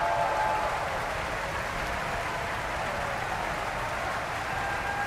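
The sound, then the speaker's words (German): Sustained applause from an opera audience at Bayreuth after Götterdämmerung, for the Finnish bass Mika Kares: a dense, even wash of many hands clapping at a steady loudness for the whole stretch, with no voices standing out. “Viel Applaus jetzt für den finnischen Bass Mika Kares.”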